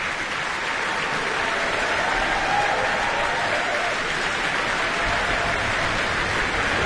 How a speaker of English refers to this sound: And applause for Alexander McFarlane, who started the beautiful tune